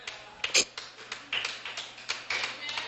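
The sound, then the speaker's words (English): A faint, scattered smattering of clapping: a few soft, irregular claps with no steady rhythm, thin and quiet, with one slightly sharper clap near the start. “Well, that's a low clap.”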